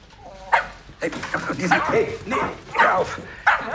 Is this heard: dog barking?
yes